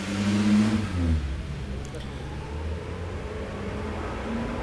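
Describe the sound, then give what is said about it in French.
A car engine rumbles, rising briefly as it passes, over a steady wash of traffic noise and the hiss of a wet city street in the rain, as the light on rue du Four turns green and vehicles go by. “Passe un camion Yoplait, un camion des Literies Saint-Germain, un taxi, une moto, une petite voiture blanche, une camionnette grise, des gens avec des parapluies, jaunes, noirs.”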